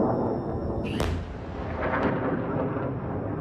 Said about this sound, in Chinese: 科威特武装部队总参谋部当天在社交媒体上发表声明说，科威特防空系统拦截了敌方导弹和无人机袭击，如果民众听到爆炸声，是防空系统拦截敌方袭击所致。